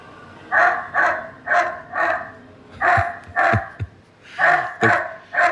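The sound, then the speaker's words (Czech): Repeated dog barks in quick bursts, about a dozen in all, loud and somewhat tinny, played back through a speaker by an M20 autonomous security guard robot, with short pauses between groups and no talking. “My víme, že umí i štěkat. Teď si to můžeme poslechnout.”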